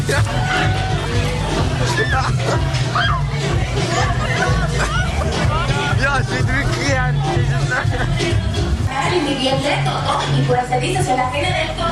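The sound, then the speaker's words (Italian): Dense crowd babble fills the Langstrasse, Zurich's party street with restaurants and clubs, at night, many overlapping voices chattering and calling out at once, with a steady low rumble of traffic underneath throughout. “Urla, grida, divertimento e a volte qualche scazzottata. La Langstrasse è la strada festaiola per eccellenza a Zurigo, con ristoranti e club aperti fino al mattino.”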